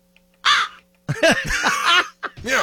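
A voice imitates a crow with three harsh, raspy caws: a short one, a longer drawn-out one, then another short burst. They are loud, with brief pauses between them.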